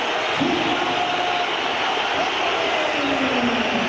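Crowd applause roars at the Metropolitano stadium during an Atlético de Madrid football match as a substituted player leaves the pitch, a dense, steady wash of clapping and crowd noise, loud and unbroken throughout, with a few faint whistle-like tones drifting through it.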